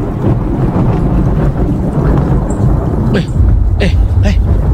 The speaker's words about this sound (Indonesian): Kenapa juga cuaca tiba-tiba berubah ni ha? Alah, petir menyamba-nyamba.